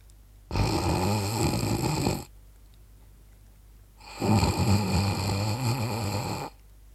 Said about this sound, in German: schnarcht, dann nicht so aus voller Kehle bei offenem Mund, sondern ganz zart, von der Nasenwurzel her.